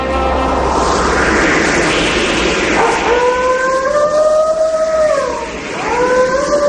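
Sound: wolf howling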